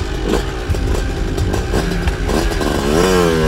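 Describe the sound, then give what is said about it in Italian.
A small moped engine unexpectedly starts by itself and runs loud with a rough, sputtering rattle, then revs up with a rising whine as the moped pulls away on its own. “inaspettatamente il motorino parte e va via da solo.”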